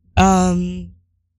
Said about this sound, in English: Ooh, I hear me yawning though.